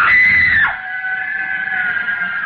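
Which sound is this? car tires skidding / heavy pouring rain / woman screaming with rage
woman screaming with rage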